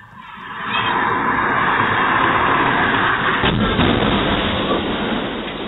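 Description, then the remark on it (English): A car's engine roars loudly as the vehicle speeds at high speed, a harsh, sustained rush of noise that swells within the first second and stays intense to the end, with no one talking. “The audio, especially when you know the ending, the audio is not the easiest of listens, but it gives you a sense, for those who haven't seen the video, how fast this car was going.”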